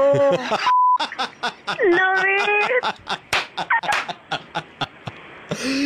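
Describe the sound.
A short, steady censor bleep cuts in early, briefly replacing a voice, followed by fast, animated talking from a couple of people with sharp percussive knocks underneath, during a Radio Mirchi prank call segment, Mirchi Murga.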